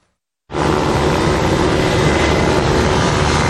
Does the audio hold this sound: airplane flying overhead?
yes